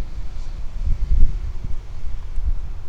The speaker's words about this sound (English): Except for this wind.